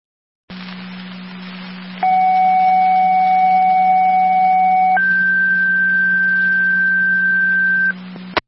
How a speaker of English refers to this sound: Fire Control, Tri-Community, your second set of tones, your EMS call